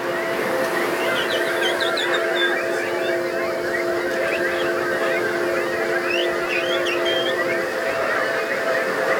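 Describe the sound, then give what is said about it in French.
A large crowd whistles, chirps and hoots in imitation of birds, dozens of overlapping calls forming a steady, dense chorus over a constant low murmur, lasting the whole time. “Est-ce que je pourrais entendre encore plus d'oiseaux?”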